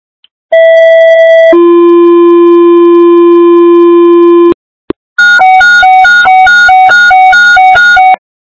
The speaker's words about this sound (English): Gulf Park Fire. Gulf Park Fire. Stand by for tones.